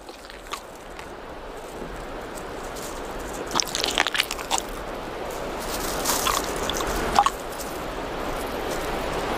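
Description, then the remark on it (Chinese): A Namibian chameleon grips a locust with its strong jaws and swallows it whole: a few short, crackly crunching bursts, clustered midway and again later, over a steady soft hiss, with no voices. “细小的牙齿没法咀嚼，变色龙只能用强有力的颌骨死死咬住蝗虫，然后再整个吞下。”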